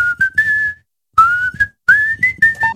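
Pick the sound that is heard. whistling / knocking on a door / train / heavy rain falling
whistling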